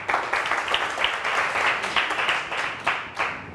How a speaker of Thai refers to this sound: กลุ่ม2ปรบมือให้เพื่อนหน่อยค่ะ